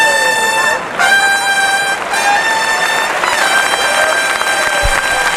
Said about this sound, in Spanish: Ahí viene el clarinazo de última temporada.